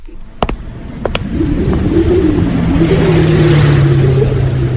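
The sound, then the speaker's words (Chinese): A truck carrying soldiers crawls along a mountain road, its engine droning steadily under strain, the low rumble rising and holding as it labors along, preceded by a few sharp clunks at the start. No one speaks. “卡车在山路上爬行，卡车里的士兵们紧张地盯着周围的山岗和树林。”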